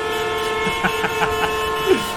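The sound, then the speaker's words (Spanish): Sustained, blaring car horn tones layered together fill the air, with a few short beeps rising over the steady honking amid traffic noise, in a traffic jam of thousands of vehicles stretching over 100 kilometres on the road linking Beijing with northern China. “Un gigantesco atasco llegó a extenderse por más de 100 kilómetros y mantuvo atrapados a miles de vehículos durante 12 días.”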